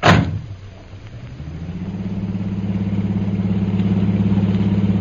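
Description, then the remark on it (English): A taxi engine rumbles low after a brief sharp bang, then its pitch climbs as it pulls off carrying passengers to India House and settles into a steady, throbbing drone. No one speaks. “There's usually a taxi right outside the door here.”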